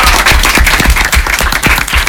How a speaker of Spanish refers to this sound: Y chicos, agradecerles a ustedes y un fuerte aplauso. Gracias a ustedes.